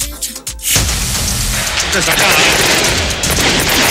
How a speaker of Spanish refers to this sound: Son efectos. Son efectos, son de verdad los fuegos artificiales ahora, ¿eh?